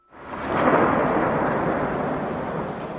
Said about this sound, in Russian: Но что это? Словно раскаты грома по всей вселенной, словно эхо раздается над всеми живущими.